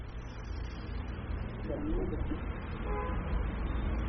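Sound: truck driving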